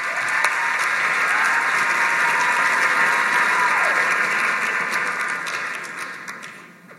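A sustained burst of audience applause, dense clapping from many hands at a steady loud level, tapering off over the final second or two. A faint cheer or whistle rises briefly within it.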